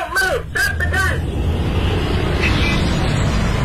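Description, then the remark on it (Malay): Steady road traffic rumbles throughout, a dense low engine drone of passing motorbikes and cars, including a man ahead riding a motorbike while smoking, with a brief voice at the start over the noise. “Ya, naik motor sambil ngerokok, toh.”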